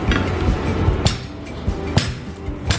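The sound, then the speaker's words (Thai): Two or three Indian gooseberries are lightly bruised with a meat pounder before boiling, a few sharp, irregular pounding knocks, solid thuds with a slight clatter, over a steady low background hum. “พอ ได้เลยครับพอให้บุบๆนะครับเดี๋ยวพอไปต้มแล้วเนี่ยมันก็จะเปื่อยขึ้นมาอีก”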